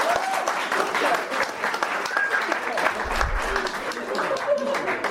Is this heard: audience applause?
yes